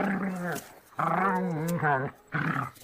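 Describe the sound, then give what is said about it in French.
A pack of wolves circling a flock of sheep growl and snarl in three loud bursts, the longest in the middle, each a rough, throaty rumble separated by brief pauses, with no talking over them. “Et les loups mangèrent tous les moutons.”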